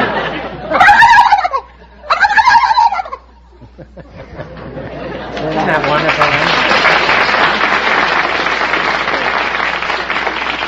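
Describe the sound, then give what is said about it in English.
A contestant on the quiz show You Bet Your Life mimics a turkey gobbler with two quick, warbling, high-pitched gobbles, then after a brief pause a crowd breaks into loud, sustained applause. “I can cackle like a gobble, like a gobble, turkey gobbler.”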